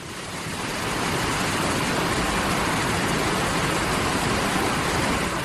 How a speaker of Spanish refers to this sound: sí que es verdad que la palabra cachón se relaciona como con un salto de agua o un pequeño tramo del río donde el agua se mueve con más fuerza. El nombre encaja con la naturaleza del lugar, un espacio creado por el propio curso del río Árrago.